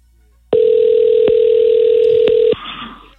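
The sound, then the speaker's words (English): A phone call's line tone: one loud, steady electronic beep held at a constant mid pitch for about two seconds, then cut off abruptly into a softer, muffled sound as the call goes to voicemail. “Not only did she not answer the phone”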